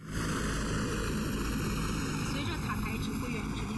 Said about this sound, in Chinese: 陆军第73集团军某旅十多架不同型号的直升机依次升空，展开编队飞行、野外场地起降、机降突击等科目训练。